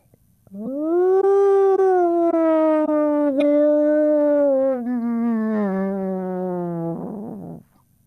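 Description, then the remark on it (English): A single long, low booming call from a mother calling her young, Fluke, across harbour water, a steady harmonic moan that holds for about seven seconds, sags slowly in pitch and breaks into a brief wavering flutter before it stops. “The long, low boom of his mother's call echoed across the water.”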